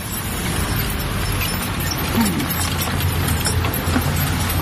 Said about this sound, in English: or the sounds of a man on a horse-drawn wagon bringing fruits to market.